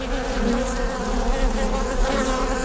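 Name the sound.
honeybees buzzing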